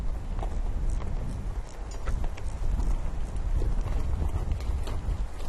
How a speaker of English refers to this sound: It is already autumn here in August. Nomads are busy herding their horses. The horses have grown big and strong in the abundance of summer.